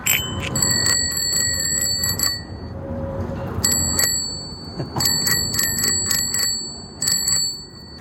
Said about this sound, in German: Das war das Fahrradklingeln.